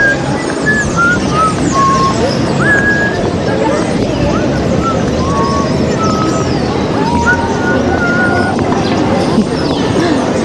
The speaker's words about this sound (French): Je sifflais … de ….